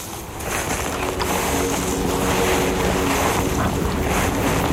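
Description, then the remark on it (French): A steady, full roar of wind blows without a break across a vertiginous mountain ridge above valleys 1200-1300 metres below, buffeting softly with gusts over a broad rushing hiss. No voices are heard. “Pour marcher, entre la brise du vent et le ruissellement du vide.”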